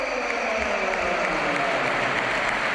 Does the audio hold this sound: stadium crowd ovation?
yes